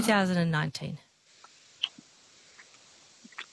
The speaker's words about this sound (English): Now, I wouldn't happen to hear typing, would I